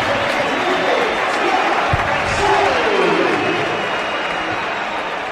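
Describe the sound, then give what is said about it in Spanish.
A big stadium crowd at the José Rico Pérez stadium applauds and whistles as footballer Fransol comes onto the pitch, in a steady, dense roar, with several sliding whistle tones rising and falling over the clapping throughout. “Yo diría que más aplausos en la salida de Fransol que pitos.”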